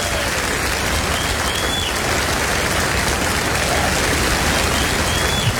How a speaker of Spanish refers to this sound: No, aplauda más fuerte que eso si dice: yo soy de los resucitados de River.